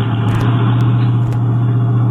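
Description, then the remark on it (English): A car engine idles steadily with a low, constant hum and rumble, a few faint clicks and thumps breaking through, as the vehicle eases slowly along to park in an alley. “Why don't you see if you can park there?”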